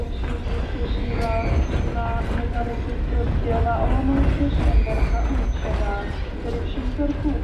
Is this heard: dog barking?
no